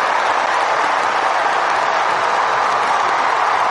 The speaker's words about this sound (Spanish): Esa ovación que escuchan de fondo es para ….